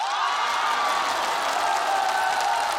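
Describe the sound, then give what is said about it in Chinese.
An audience applauds a singer in a steady, dense roar of clapping, with cheering mixed in, loud and unbroken for the whole stretch. “千言汇成一首歌，您一鼓掌我就唱。”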